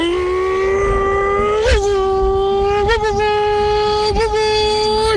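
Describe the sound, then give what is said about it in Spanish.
A voice imitates a car engine with one long, steady buzzing hum at mid pitch, broken by three brief revving wobbles before it cuts off after about five seconds. “fuera un motor de coche, sonaría así.”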